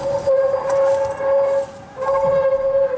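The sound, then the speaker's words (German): An okapi vocalizes with two long, steady, whistle-like tones, the first lasting over a second and the second following after a brief pause, fairly loud over a faint background hiss. “Das Okapi ist ein sehr scheues Tier.”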